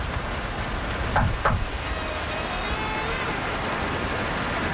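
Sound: knocking on a door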